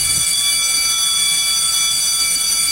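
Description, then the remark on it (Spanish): An electric bell rings continuously for a few seconds, a loud, steady, shrill metallic buzzing tone that never pauses, with no voices over it. “¡Y abren el timbre!”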